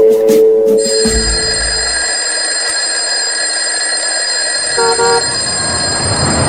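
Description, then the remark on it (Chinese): A loud electric bell rings continuously to mark the end of the workday, with a harsh, high metallic buzz that sustains through the whole stretch, joined briefly by a few lower tonal blips near the end. “一阵铃声响过，下班了。”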